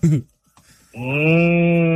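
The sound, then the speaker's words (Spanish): A person on a radio phone-in show imitates a cow's moo with one long, steady, low-pitched drawn-out call lasting about a second, just after a brief vocal sound and a short pause. “Así la hace la vaca.”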